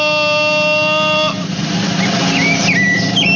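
A rufous-bellied thrush (sabiá-laranjeira) sings a few short, fluting whistled phrases over steady background noise, following a sustained, even, horn-like tone that fills the first second or so.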